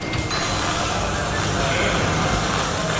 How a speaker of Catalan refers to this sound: Aquest és el so que se sent quan es desmunta un tren de Rodalies. Se li treuen les portes i els seients, es reparen els diferents elements que formen els vagons i es torna a col·locar tot en el seu lloc.